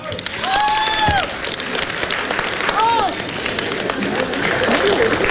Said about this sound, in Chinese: 皇帝的新衣，掌声。